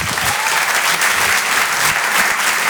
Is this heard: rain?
no